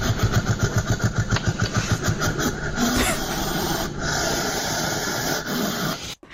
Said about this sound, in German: Da würde ich sagen B. Eine Maus? Bist du sicher, dass eine Maus so fauchen kann? Nee, da würde ich C sagen. Ein Igel? Das ist korrekt.